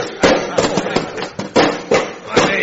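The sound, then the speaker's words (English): About eight hearty claps on the back, given by knights to salute their king, land in quick, uneven succession, each a loud, sharp thump with a hard, slightly ringing edge, over faint vocal murmuring. “Fellow knights, let us salute our most puissant king with hearty claps on the back.”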